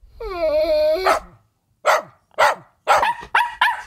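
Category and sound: animal, dog barking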